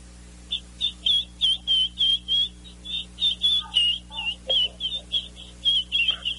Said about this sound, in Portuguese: Dá o curió aí, por favor. Daqui a pouco ele começa a cantar, botou aqui do lado.